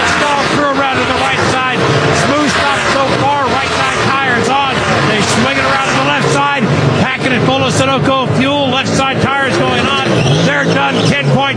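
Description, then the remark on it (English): A race car engine drones steadily and loudly throughout, revving up and down as the car comes down pit road in high gear and comes to a stop, with a man talking continuously over the motor noise. “High gear coming down pit road. Looks like the car's a little bit tight. Comes to a stop.”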